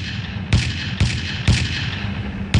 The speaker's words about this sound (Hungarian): És sortűz. És még egy.